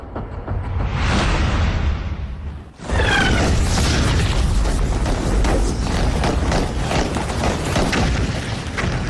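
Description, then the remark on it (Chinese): Loud battle sound effect: a rising whoosh cuts off abruptly, then dense, continuous gunfire crackles with heavy booms for several seconds, unrelenting, with no voices. The gunfire breaks out around five o'clock, first from the northeast at Dingwang village, then from the southwest. “约五点左右，枪声先从东北方向第三师团驻地顶旺村打响，紧接着西南方向也枪声四起。”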